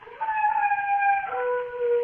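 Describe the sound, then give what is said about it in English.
A dog howls alone on a moor in one long, wavering cry, its pitch sliding down partway through and holding for about two seconds. Loud, with a muffled, old-recording quality. “Oh, that dog again. Every time it howls, my blood runs cold.”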